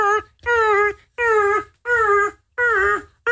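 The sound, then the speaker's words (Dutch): A cat yowls in the background of a voice-app message being recorded, in a series of about five loud, drawn-out wails, each a half-second cry with a nasal, slightly wavering pitch, separated by short pauses and with no talking. “En het is nog niet eens zo, want iedere audio-appje wat ik nu inspreek, dan hoor je op de achtergrond, hoor je...”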